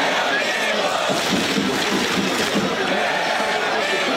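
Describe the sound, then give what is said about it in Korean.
A large outdoor crowd of citizens at Gwanghwamun in Seoul cheers, shouts and claps in a continuous, loud roar while watching a World Cup football match against Mexico, rallying after Mexico's opening goal early in the second half. “하지만 좌절도 잠시, 시민들은 다시 박수를 치고 함성을 지르며 응원의 열기를 끌어올렸습니다.”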